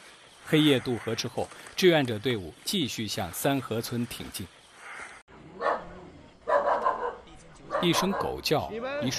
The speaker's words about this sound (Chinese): 黑夜渡河之后，志愿者队伍继续向三河村挺进。一声狗叫，一束微光。晚上9点，三河村到了。